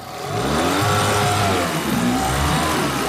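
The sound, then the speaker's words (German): The 8 hp motor with a special gearbox on a 12-metre tourist raft at the town harbour of Eggesin runs steadily, its rising and falling harmonic whine showing the engine revving and changing speed, with no voices over it. “Der 8 PS-Motor mit Spezialgetriebe an seinem Floß.”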